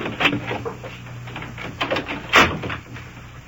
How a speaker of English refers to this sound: You shut the door there.